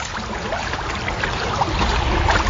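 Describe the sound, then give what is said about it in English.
Water laps and sloshes against waterfront bulkheads by the yacht club in Cambridge, on the shores of the Choptank River, during an exceptionally high tide, reaching toward the top of the bulkheads; a steady, continuous wash of soft splashes, moderately loud, with a low rumble underneath and no voices. “Well, I've just parked here right by the yacht club here in Cambridge, right on the shores of the Choptank River, and the water is already lapping toward the top of the bulkheads here.”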